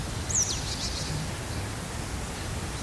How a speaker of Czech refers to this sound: To slyšíš, ne? Ptáci zpívají, naproti se někdy pasou krávy, někdy mufloni.